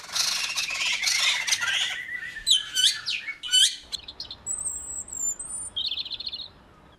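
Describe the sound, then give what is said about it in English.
Several birds sing and call at once in a busy morning dawn chorus: dense twittering early on, then sharp whistled phrases and high trills overlapping, clear, with no voices. “Now, if you've been enjoying the dawn chorus this morning, you'll know there are many different types of birdsong.”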